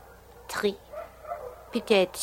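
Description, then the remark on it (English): Dogs, some of them strays, bark at night in Tangier below a rooftop, in two short, yelping bursts, one early and a louder cluster near the end, with faint whines in between over a low, steady background hum. “Those dogs down there. Are they that loud every night, Countess?”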